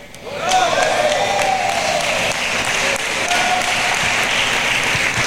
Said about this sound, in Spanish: ¿Están haciendo tortilla o están aplaudiéndole al Señor? Dale fuerte el aplauso al Señor, hermano. Aleluya. Y si no aplaude fuerte, porque está triste, porque Cristo ya va a venir.